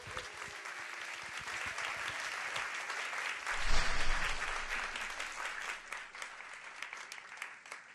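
A crowd applauds to welcome a vocalist who lives abroad and performs in Germany, dense rapid clapping throughout that swells to its loudest midway before easing slightly, with no voices standing out.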